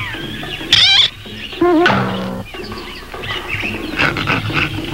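Brutus, disguised in a gorilla suit in a Popeye cartoon, growls and roars loudly like a large ape in a few harsh bursts, with a high warbling cry in between and rough, rumbling snarls trailing off afterward.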